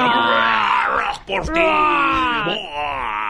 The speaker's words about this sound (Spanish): Espera un ratito, tiene que decir algún grito. Ok. Pues. Ayúdame con un gritito así bien.